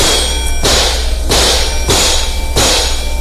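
A sledgehammer bangs on a car's metal body four times at a steady, even pace to fix the car. Each loud, heavy clang rings out briefly before the next blow, with no voices.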